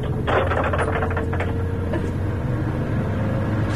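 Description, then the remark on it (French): A car window slides open with a brief mechanical whirring and rush of air over the steady low rumble of an idling engine, as the car arrives just below the occupants' home; no one speaks. “Attendez, j'ouvre la fenêtre.”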